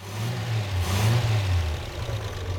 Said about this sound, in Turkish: Bence ısındığında rölantide çalışacak. Mükemmel çalışıyor. Ayrıca rölantide de çalışıyor.